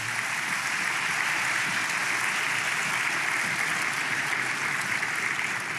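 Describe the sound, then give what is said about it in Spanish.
A church audience claps for the Lord steadily and continuously, a dense, even wash of many hands applauding together throughout, fairly loud with no voices standing out. “Vamos, dele palmas al Señor.”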